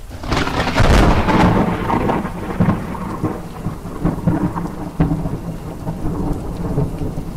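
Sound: thunder rumbling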